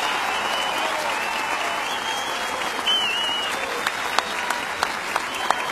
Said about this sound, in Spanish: General García Huidobro, a nombre de una nación entera, mi agradecimiento y mis felicitaciones por esta Gran Parada Militar 2026 y el aplauso del público reconoce el servicio a la patria.